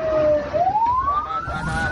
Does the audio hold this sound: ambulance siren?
yes